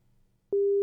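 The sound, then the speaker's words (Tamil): A steady, loud telephone beep tone at a single mid pitch, heard on a caller's line into a radio phone-in show, cuts in abruptly after a quiet low hum and holds unbroken to the end. “என்னடா இது, வந்தவங்க எல்லாம் பீப் சவுண்ட் நமக்கு கொடுத்துட்டு போறாங்க.”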